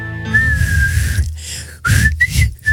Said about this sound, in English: You can't do the whistle, but you can play the theme on the piano. Well, you do the whistle. I haven't done the whistle. I haven't perfected the whistle yet. Try it right now.